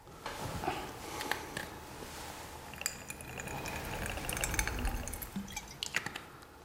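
Moutai liquor is poured into glasses in a steady, gurgling stream, moderately loud, with a few light clinks of glass along the way. No one speaks.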